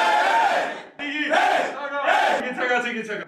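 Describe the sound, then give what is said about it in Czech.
A loud group chant of men's voices shouting in unison, a hockey team's victory cry coming from the dressing room after a winning match, rising in three rhythmic bursts with brief pauses between them, raw and energetic. “Co myslí bývalý hokejista Koukal nepovedeným pokřikem, ten vychází z kabiny vždy po vítězném utkání”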